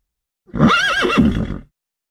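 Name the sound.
horse neighing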